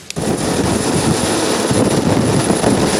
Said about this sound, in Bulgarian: Два вертолета Кугър с екипажа излитат, веднага след като получават известието за инцидента. Час и половина екипажите търсят оцелели в морето.